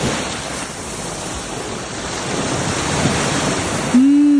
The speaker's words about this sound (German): Live-Meeresrauschen. Und zwar direkt vom Esstrenk.